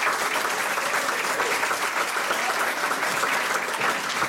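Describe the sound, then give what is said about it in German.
Sustained applause from an audience for an actor guest on a radio programme fills the whole stretch, a dense, steady clatter of many hands clapping at even loudness with no voices on top. “Nochmal einen herzlichen Applaus, bitte.”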